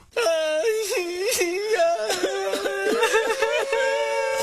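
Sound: crying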